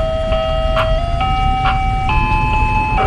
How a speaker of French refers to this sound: Oui, alors le camion à glace est très marquant, surtout de l'été à Détroit. Peu importe le quartier où vous êtes, à partir de 5h de l'après-midi jusqu'à 8h, vous entendrez ce petit camion à glace qui est souvent assez vétuste